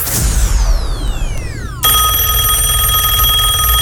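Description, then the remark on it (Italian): A telephone rings loudly and continuously with a bright electronic trill before an answering machine picks up, preceded by a couple of seconds of swooping, falling electronic tones. No one speaks. “State ascoltando la segreteria telefonica di Severino Cicerchia.”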